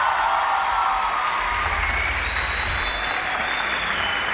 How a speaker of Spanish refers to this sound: Un aplauso grande para él, por favor.